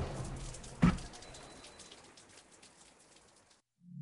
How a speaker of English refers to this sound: I took my drink and stepped out into the garden behind the restaurant. It was raining gently.